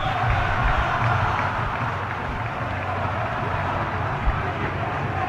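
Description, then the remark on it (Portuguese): A football crowd at a Botafogo match chants "vergonha" ("shame") in unison after a shot goes wide to the right, about 50 minutes in: a dense, steady roar of many voices holding at an even loudness for about five seconds, with no pauses or breaks. “A bola passou à direita e a torcida gritando: vergonha, vergonha. Ouça vocês próprios, né?”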